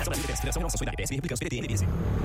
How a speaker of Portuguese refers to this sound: Amor, ouviu essa moto? Deve ser um entregador. Mas a gente não pediu nada.